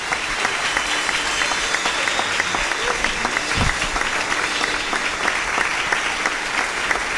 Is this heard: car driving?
no